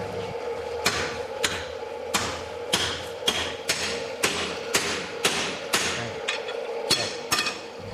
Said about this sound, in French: Alors, on n'entendit plus que le soufflet qui activait le feu du foyer et les coups de marteau des forgerons.